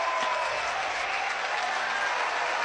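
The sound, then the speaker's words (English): A large, partisan West Virginia crowd at a baseball game claps and cheers steadily, a dense, continuous wash of applause filling the whole stretch without any voices standing out. “No balls, two strikes as Yell getting the support from this partisan West Virginia crowd.”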